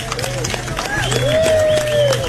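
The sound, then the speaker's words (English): A crowd at Fun Spot, the world's largest arcade, in Laconia, New Hampshire, applauds during a live Howie Carr Show broadcast, with steady, dense clapping throughout, while sliding whoops and whistle-like tones rise and fall above it over a low, constant hum. “Give yourselves a round of applause, everybody.”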